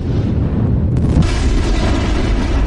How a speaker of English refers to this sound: An asteroid came rocking out of the sky and crashed into Earth.